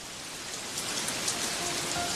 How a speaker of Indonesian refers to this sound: Hujan lagi. Fix komplit deh. Mati lampu, panas, terus tiba-tiba hujan.